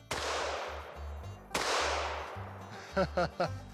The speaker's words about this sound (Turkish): Tamam, iki atış. Aynı yerden. Şu anda arazinizde daha öncekinden daha fazla gürültü yapıyoruz. Varlığımızı belli ediyoruz.